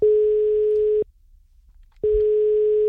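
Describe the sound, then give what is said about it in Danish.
A telephone ringback tone from an outgoing call by Radio Silkeborg to a listener: a steady, clear electronic beep sounds for about a second, pauses for a second, then starts again. No one speaks. “Og lad mig så lige prøve at se, om jeg ikke lige kan ringe op til en heldig lytter, der skal med i finalen om Radio Silkeborg gavekortet”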